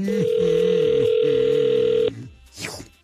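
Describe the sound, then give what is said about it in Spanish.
A loud, steady telephone dial tone hums for about two seconds with a faint wavering undertone as a phone call is being dialed, then cuts off abruptly, followed by a brief swooping noise. “Entonces, márcale, por favor.”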